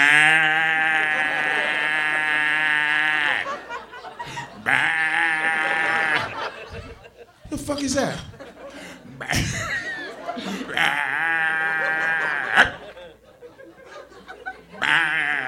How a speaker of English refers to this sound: Mm-mm, I heard it bullfrogs. You guys got bullfrogs? What the fuck was that I heard yesterday?